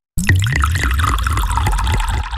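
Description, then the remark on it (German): Water streams steadily and loudly from a running shower, a continuous hissing spray with small gurgles and splashes throughout the short stretch. “Unter der Dusche.”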